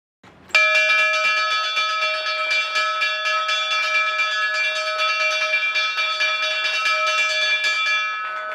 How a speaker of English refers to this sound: Funky ringing that bell, right?